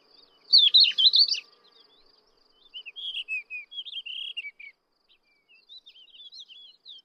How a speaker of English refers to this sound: the birdsong of subalpine warblers and thekla larks can be heard all around.